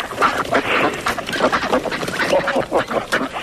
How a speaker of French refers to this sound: Vous entendez les canards? Oui, oui. Voilà, nous sommes près de la mare. Il y a une cinquantaine de canards.